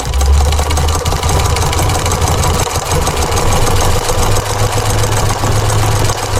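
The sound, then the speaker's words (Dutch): A sewing machine runs steadily, its motor humming low under a fast, even mechanical chatter that continues without pause. “Ah, de naaimachine.”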